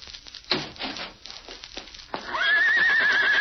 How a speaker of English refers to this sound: It's Tonto's horse.